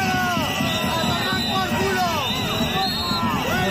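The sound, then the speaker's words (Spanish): About 200 protesters shout and boo the president of Aragón at an event in Huesca, many raised voices overlapping into a loud, unbroken roar with rising and falling cries throughout. “por la mañana, gritos y abucheos de 200 manifestantes al presidente de Aragón en un acto en Huesca.”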